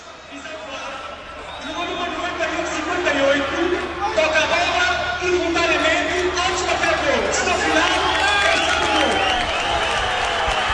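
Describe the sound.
A loud football stadium crowd roars continuously as a goal by Flávio Gonçalves is disallowed: Famalicão fans applaud and cheer while Sporting fans' sharp whistles cut through the dense, sustained noise of many voices.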